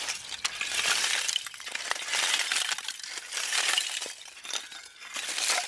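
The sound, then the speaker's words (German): Hard lumps of charcoal are struck forcefully against each other to test their quality, clacking and clinking in a quick, steady series of bright, glassy, almost metallic knocks without breaking, fairly loud and continuous, with no voices. “Die Kohle ist stark. Egal wie doll ich draufschlage, sie zerbricht nicht.”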